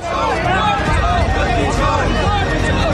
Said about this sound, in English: Chanting slogans and waving placards, they're making their way to the Supreme Court, where they want to submit a petition about the removal of millions of names from voter lists.